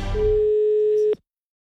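A single long telephone ringing tone on a call from a radio entertainment show, a steady mid-pitched beep lasting about a second before it cuts off abruptly with a small click, leaving silence.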